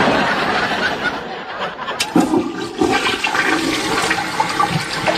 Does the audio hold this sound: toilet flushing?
yes